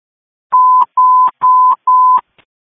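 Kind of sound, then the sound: signal or alarm, radio dispatch alert tones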